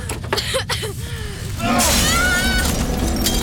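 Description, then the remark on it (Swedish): After a few seconds of muffled voices and background rumble, a window pane is smashed with a chair during a house fire, glass crashing and tinkling with bright ringing shards that keep sounding to the end. “Jag får inte upp fönstret!”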